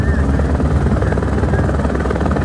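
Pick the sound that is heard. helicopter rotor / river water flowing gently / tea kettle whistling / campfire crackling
helicopter rotor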